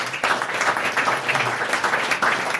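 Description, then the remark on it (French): An audience applauds the definitions just given, a steady, dense wash of many hands clapping at once, sustained throughout with no voices standing out. “On peut applaudir toutes ces définitions, s'il vous plaît.”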